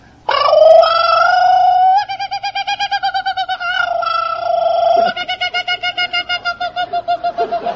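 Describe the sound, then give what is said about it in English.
A voice imitates a kookaburra call, loud, alternating drawn-out hooting tones with bursts of rapid, rhythmic staccato cackling, with no other speech. “he sings out like a kookaburra.”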